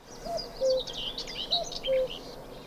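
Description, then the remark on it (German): Wild birds sing outdoors: a low, fluting whistled phrase repeats twice over a busy chorus of high twittering calls, moderately loud and with no voices. “Knapp 30 verschiedene Arten haben die Birder über die App gezählt. Mit dabei waren Mönchsgrasmücken, Bussarde und der Kuckuck.”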